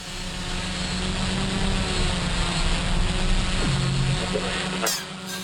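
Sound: drone flying overhead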